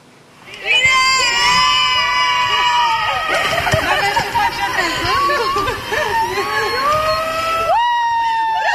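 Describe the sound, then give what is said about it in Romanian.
At Henri Coandă airport in Romania, actors from the film Eu contez welcome Alina Șerban with flowers, shouting and cheering with joy, many high excited voices overlapping in a loud, sustained burst of squeals and yells that begins suddenly and continues throughout. “Alina Șerban a fost așteptată pe aeroportul Henri Coandă cu flori și urlete de bucurie de câțiva dintre actorii care fac parte din distribuția filmului Eu contez.”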